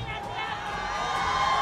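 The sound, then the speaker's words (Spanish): A live festival audience in El Bosque shouts and cheers together in a loud, sustained roar of many voices that holds steady for the whole moment, dense. “Grite, estamos en radio, Bio Bio.”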